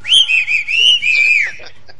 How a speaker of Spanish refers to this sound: Ya le mandamos el chiflido igual.